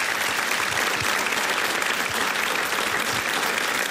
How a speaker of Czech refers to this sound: Takhle vám tleská nabité hlediště.